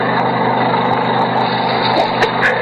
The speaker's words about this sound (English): The sound of a two-cycle engine was coming from below. Probably a generator.